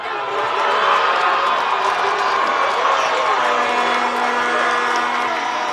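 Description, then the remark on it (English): A large crowd of Spain soccer fans roars and cheers steadily for Team Spain in extra time of a World Cup game, a dense wall of voices with scattered whoops and clapping, loud and sustained throughout without a break. “The game stayed scoreless into extra time until finally Team Spain gave their fans something to cheer about.”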